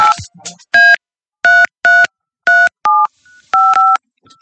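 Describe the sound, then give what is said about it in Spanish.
A telephone number is dialed to call a contest winner of a trip to see Colombia at the World Cup, with a quick series of loud, steady touch-tone beeps, each a two-pitch tone, after a brief burst of sound at the start. “Estamos marcando ganadores para ir a ver a Colombia en el Mundial,”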